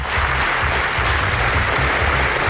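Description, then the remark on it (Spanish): A large crowd gives a standing ovation at the Venice Film Festival in the afternoon, part of 25 minutes of applause for a documentary by investigative journalists Yuval Abraham and Rachel Shore. Dense, steady clapping fills the space evenly from start to finish, with no voices standing out. “Sonora ovación y en pie, así han recibido esta tarde la Mostra de Venecia NAZA, el documental de los periodistas de investigación Yuval Abraham y Rachel Shore”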